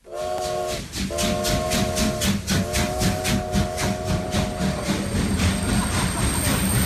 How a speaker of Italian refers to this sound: È il 1906 e i fumi del treno vapore invadono la banchina dei passeggeri. Il brusio di voci e ferraglie è assordante.